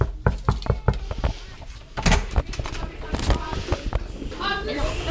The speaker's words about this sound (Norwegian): Nå står vi på utsiden av klasse 3B her på Lærvik skole, og vi banker på.